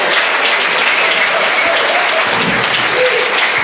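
Steady audience applause from a crowd at a reading stage in Cottbus, dense and continuous clapping at fairly loud level throughout, with no one speaking over it.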